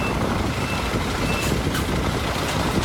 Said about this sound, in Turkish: Suyu tahliye etmek mümkün olmayınca bu kez devreye yüksek araçlar girdi. Kamyonlar, minibüsler ve iş makineleri. İnsanlar tek tek suyun içinden çıkarıldı.